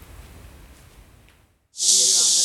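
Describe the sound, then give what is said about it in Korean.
Water sprays in a sudden loud, steady hissing rush that runs to the end, following a stretch of faint low background rumble and a brief silence; residents of a cramped rooming-house district (jjokbangchon) keep spraying water to cope with a heatwave. “연신 물을 뿌려보지만 잠깐만 서 있어도 금세 온몸이 땀으로 끈적해집니다.”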